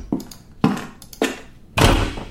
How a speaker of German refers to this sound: Mach bitte die Tür hinter dir zu.